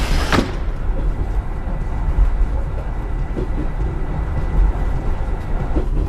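A train rumbles along steadily as it arrives at Changyang station, a dense low roar as if heard from inside a carriage, with a sharp clank near the start and a few faint knocks.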